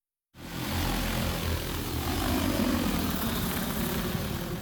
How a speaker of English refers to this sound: The drones are also used to spray from the air across wide areas. This reduces both chemical use and labor costs by nearly half.